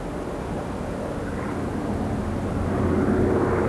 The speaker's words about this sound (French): Deux jours après le crash, dans l'après-midi, un bruit de réacteur. Les rescapés lèvent les yeux, un avion les survole.